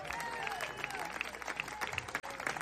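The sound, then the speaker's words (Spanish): An audience breaks into sustained applause in praise of the Lord, a dense steady patter of many hands clapping, with voices mixed in beneath it. “¿Cuántas alaban al Señor? Dele fuerte ese aplauso.”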